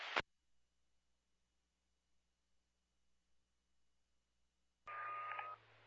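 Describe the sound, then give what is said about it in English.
Dispatch alert tones over a radio channel: a brief static burst, a long stretch of near silence, then a loud, steady electronic tone near the end with a buzzy, crackling edge. “Are you going to require additional tones for the UTV request?”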